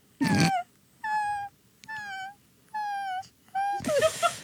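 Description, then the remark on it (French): A person imitates a dog whining because it needs to pee and wants to go outside, giving four drawn-out, high nasal whimpers with wavering pitch, separated by short pauses, with louder breathy vocal bursts at the start and end. “T'es un chien qui a envie de faire pipi, qui veut sortir dehors.”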